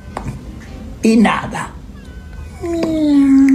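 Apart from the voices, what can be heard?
cat meowing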